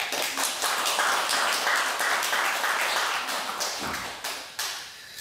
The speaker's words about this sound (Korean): 이번 한철 대중이 잘 살아서 우리 소임을 다 해준 주지스님과 우리 소임자 스님에게 우리 박수 한번 쳐주시기 바랍니다.